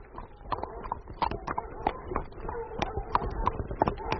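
Five horses' hooves clip-clop on a hard surface in a steady rhythm of sharp knocks as they arrive at a lit tavern at a crossroads, carrying through to the end without fully stopping.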